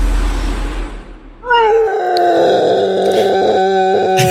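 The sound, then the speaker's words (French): A walrus lets out a long, loud, moaning wail, starting with a rough breathy rush and then holding a wavering, strongly tonal cry that bends downward in pitch at the start. “Non, c'est un morse qui s'est assis sur un petit Lego.”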